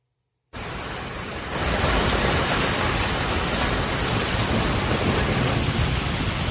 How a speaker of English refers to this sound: Just outside of KC was Kearney, or Kearney, Missouri. On Saturday, you hear those gusty winds